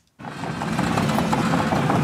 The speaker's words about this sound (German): Die Bagger rollen hier an der Grundschule in Kernen im Remstal nahe Stuttgart. Ein Sound, der nicht nur Lokalpolitiker anlockt.